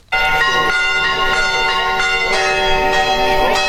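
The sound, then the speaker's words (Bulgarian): Church bells in Sozopol ring out loudly and continuously to announce the feast day of the birth of Saint John the Baptist, their rich overlapping tones sustaining and layering over one another with a steady, full resonance and no voices. “Камбанен звън извести празничния ден, в който отбелязваме рождението на Свети Йоан Кръстител.”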